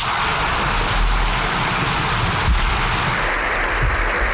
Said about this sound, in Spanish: Aplausos, sí. Bueno, he dicho para vos, para todos nosotros, pero en realidad no son los aplausos. Son aplausos que hemos recogido del Congreso de los Diputados